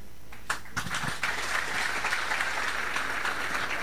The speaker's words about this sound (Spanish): Nuevamente el aplauso y el agradecimiento a cada uno de ustedes.